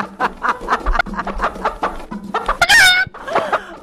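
A chicken clucks loudly in quick, choppy bursts, rising into a sharp squawking cackle near the end before a final cluck. No one speaks.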